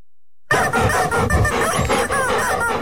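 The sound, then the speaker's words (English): After a brief moment of silence, a rubber chicken toy squeaks and squeals loudly and continuously in rapid, wavering bursts as Rover, a pet, gets excited over it, with no talking. “What's Rover doing to that rubber chicken?”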